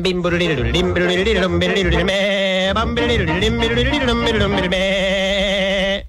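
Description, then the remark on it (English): A goat's bleat imitated by a musical instrument: loud, wavering, quivering tones that rise and fall over about six seconds with accompanying instruments, ending abruptly. “And a nanny goat.”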